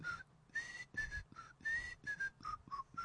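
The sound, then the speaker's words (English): The theme tune of a 1960 TV show is whistled alone, a clear bright melody of short and held notes in a bouncy, steady rhythm, moderately loud with no voices. “It was whistled.”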